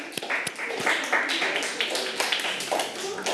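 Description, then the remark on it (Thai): A group of children in a class clap together for the representatives of every group, a dense, uneven patter of quick claps that holds steady for a few seconds, with some voices mixed in underneath. “ขอบคุณมากค่ะอ่ะปรบมือให้กับตัวแทนทุกๆกลุ่มเลยนะคะอ่ะ”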